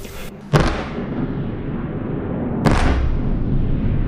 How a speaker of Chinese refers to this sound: 8号凌晨，基辅市再次响起多次强烈爆炸声。